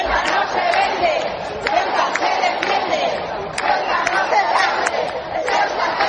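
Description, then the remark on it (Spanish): A large crowd of thousands of citizens in the streets of the autonomous city of Ceuta shouts and cheers continuously as King Felipe VI and Queen Letizia arrive, a dense wash of many voices with occasional sharper cries rising above the steady roar. “Pues con gritos como estos han llegado los reyes, el rey Felipe VI y la reina doña Leticia, a la ciudad autónoma de Ceuta.”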